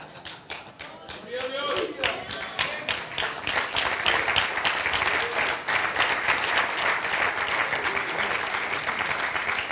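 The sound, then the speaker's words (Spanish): A church audience breaks into applause during an evening sermon, scattered claps quickly swelling into dense, steady clapping, with a voice briefly audible beneath it. “Vaya que está aplaudiendo usted.”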